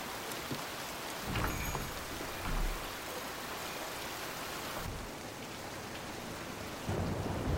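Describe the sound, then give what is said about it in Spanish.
Steady rain pours down on an alley in front of a shop in a continuous hiss, with a few louder low rumbles swelling in and out, like thunder or heavier gusts. No one speaks. “En un callejón frente a una tienda, Ji-hoon bebe alcohol sentado en una mesa bajo la lluvia.”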